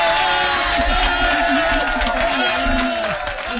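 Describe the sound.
An applause sound effect: a loud, steady wash of crowd clapping and cheering that holds for several seconds, with a murmur of voices blended into the noise.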